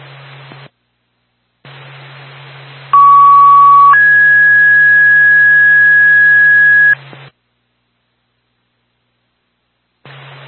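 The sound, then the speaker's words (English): A two-tone dispatch paging alert sounds over radio static, toning out Twin State Groton for a medical alarm activation on Scott Highway in Groton. A steady, fairly high tone holds for about a second, then a slightly higher tone holds for three seconds. Hissing static fills the gaps, with no talking. “Twin State Groton, I get EMF second tone, 1223 Scott Highway in Groton.”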